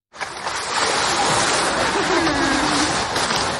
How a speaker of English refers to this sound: A recording made of the large South American sea lion Hugo at Liberec Zoo last week.